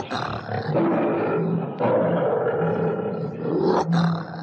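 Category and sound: animal, lion roaring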